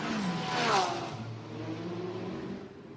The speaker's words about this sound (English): And they've all just driven straight out of the pit lane into a GTD field.